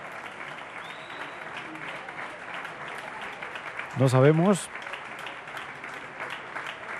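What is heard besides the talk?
concert audience applause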